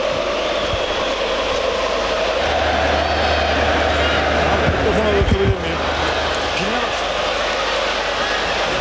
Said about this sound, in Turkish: Tezahüratlara kulak verelim biraz. Haydi Trabzonspor'un tezahüratlarını dinleyelim.